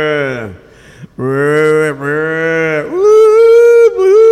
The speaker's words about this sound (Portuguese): Estão tirando leite essa horinha, mas estão chamando a vacada para ter aí a bezerrada berrando. Ui, ui, ui.